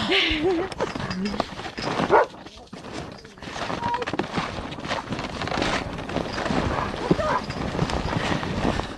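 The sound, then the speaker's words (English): Steady, soft crunching footsteps of snowshoes pushing through light, fluffy snow with no trail, continuous, with dogs whimpering and yipping as they struggle through the snow, some trying to ride the snowshoes, on a cold walk with the dogs. “Some of them are trying to ride my snowshoe here.”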